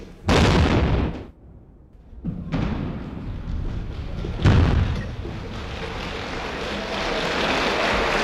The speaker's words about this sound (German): Anschließend ist es auch der damalige Bundespräsident, der die erste Sprengung auslöst, gefolgt von Applaus.